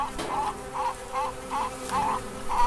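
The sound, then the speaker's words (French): Thousands of bees buzzing on a honeysuckle, a steady droning hum that swells and fades in repeated waves as the insects move about, with no voices present. “Les abeilles sont par milliers sur le chèvrefeuille et ça me remplit le cœur de joie de les voir comme ça travailler et j'espère ramener du nectar pour faire du miel.”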